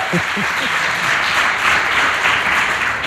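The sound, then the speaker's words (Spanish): A studio audience applauds steadily during a live radio broadcast, a dense, even wash of clapping that holds at a constant level throughout, with a few brief voices audible at the start. “Y, no sé, igual les pedimos un aplauso, que se oiga.”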